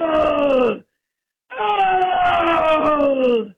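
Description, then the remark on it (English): A person's voice imitates a black bear, letting out two loud, drawn-out moaning groans that slide downward in pitch, the second longer than the first, with a short silence between them. “And he had one of my sheep up there, I think, because I heard him go, "Oh! Oh! Oh! Oh!"”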